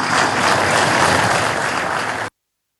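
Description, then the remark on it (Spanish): Steady, dense audience applause for the parliament, requested by the president of Bolivia at the inauguration of the Fexpo Cruz, with many hands clapping at once, loud and even for about two seconds before cutting off abruptly. No voices are heard over it. “Por eso permítame, creo que es la primera vez que alguien pide aplausos para los parlamentarios, pero yo les pido un fuerte aplauso para ese parlamento que se ha portado a la altura.”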